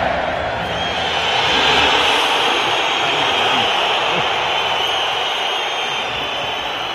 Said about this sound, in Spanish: Aquí está el abucheo de la afición del colchonero a Julián Álvarez.